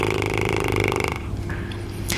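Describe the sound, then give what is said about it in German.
A fluttering lip trill: air blown through loose lips makes a rapid, buzzy, low-pitched vibration that holds steady for about a second, then loosens into a softer, rougher sputter before a brief breathy puff. “Das ist das ganz berühmte Lippenflattern. Wenn wir einfach die Lippen ganz locker lassen und Luft durchpusten, haben wir erstmal ohne Ton ein ganz normales.”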